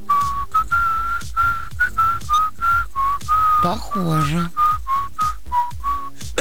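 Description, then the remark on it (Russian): Someone whistles the soundtrack tune of the TV series The Sopranos, a steady run of clear, repeated melodic phrases with short breaths between them, and a voice briefly speaks partway through. “Саундтрек «Сопрано», ничего себе.”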